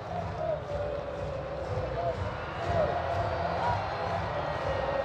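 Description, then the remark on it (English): A baseball stadium crowd in Baltimore buzzes steadily as the Orioles near a win over the Blue Jays, a dense, continuous murmur of many voices that swells slightly midway and never drops away, heard from within the stands. “The Baltimore crowd buzzing as the Orioles look to win this ballgame and split this home series 2-2.”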